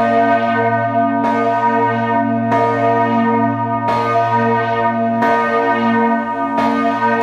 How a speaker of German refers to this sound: Das sind die Glocken der Schlosskirche zu Wittenberg. Es ist das Jahr 1628. Die Stadt Luthers.